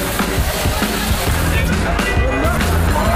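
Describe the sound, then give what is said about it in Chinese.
Dense, continuous crowd ambience of the busy weekend Yudu Grand Bazaar market in Hotan, with overlapping voices and babble, scattered clatter and movement noise, all fairly loud throughout. “周末的玉都大巴扎，烟火浓郁，香衣缭绕，有着老和田人最熟悉的赶集氛围。”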